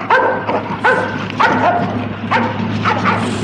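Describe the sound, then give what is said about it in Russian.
A dog barks repeatedly and loudly, about five or six sharp yapping barks in an uneven rhythm over a steady low engine-like hum. “Держи свою собаку! Держи, а то укусит!”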